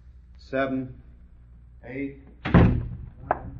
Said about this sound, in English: Shut the door and start counting.